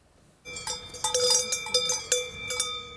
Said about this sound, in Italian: Singolare il caso della Val Brembana, dove i turisti protestano per il rumore dei campanacci delle mucche. Qui non si dorme, dicono